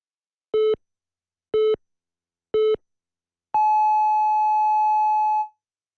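Radio hourly time signal on Korean news station YTN News FM (FM 94.5 MHz) marking 2 o'clock: three short, evenly spaced low beeps about a second apart, then one long, higher-pitched tone lasting nearly two seconds. The tones are clear and loud, with no talking.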